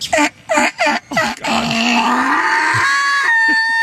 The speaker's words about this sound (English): I got another donkey, man. I got another donkey.